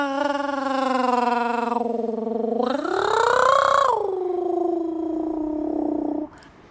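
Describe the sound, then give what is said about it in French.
A person imitates a cat's throaty purr in one long, unbroken voiced rumble lasting about six seconds, rising in pitch midway before settling back, fairly loud. “Mais non, quand je miaule avec la gorge, c'est pour dire que je me sens bien, que je suis content.”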